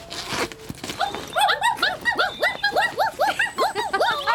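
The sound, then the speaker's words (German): Three puppies in a bag in the middle of a road whimper and yip in a rapid, overlapping chorus of high, squeaky cries, fairly loud, with a brief rustle at the start. “Ja, was seid ihr denn für süße Hundebabys? Eins, zwei, drei kleine muntere Kerlchen.”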